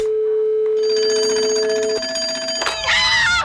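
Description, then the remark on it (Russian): A telephone rings as a call is placed to the hedgehog Belkin: steady electronic tones hold for a couple of seconds, then a brighter, warbling trill bursts in near the end. No one speaks. “Интересно, а как устроился еж Белкин? Позвони-ка я ему сам.”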